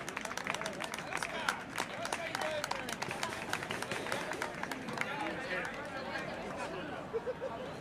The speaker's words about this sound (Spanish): Un fuerte aplauso y gracias a los tres.